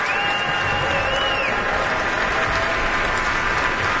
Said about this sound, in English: Both Deneuve and Joachim are applauding him. And now all three have turned around once more to applaud in unison.